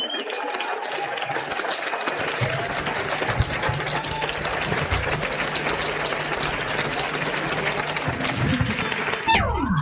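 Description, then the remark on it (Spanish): Sustained applause from a large audience for maestro Alex Rua, a dense, steady wash of clapping that fills the whole stretch at an even level, with a faint crowd murmur underneath and a brief rising tone at the end. “El aplausote que se merece.”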